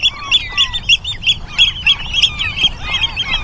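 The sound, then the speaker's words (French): Loud, shrill piping calls from a Eurasian oystercatcher repeat rapidly and insistently, with several overlapping birds calling over faint background noise, on the Hallig island of Nordstrandischmoor in June, among bird nests. “C'est un nutriépi.”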